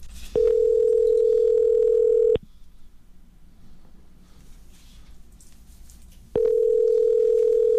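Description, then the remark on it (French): A telephone ringback tone rings unanswered at the other end: a steady two-second electronic purr, a long pause, then the next ring starts. Clear, with no voices. “Mais non, il fonctionne, ça sonne!”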